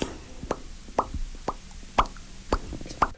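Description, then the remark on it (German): A voice makes a series of about six or seven mouth pops, crisp and hollow, spaced evenly around twice per second against a quiet background, with no talking. “Mit meiner Stimme kann ich ploppen.”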